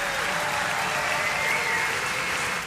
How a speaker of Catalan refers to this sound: agraint aquesta ovació del públic de Leverkusen al costat de la seva banda, que l'acompanyarà també a les dues cançons que ens proposen ja per tancar el concert.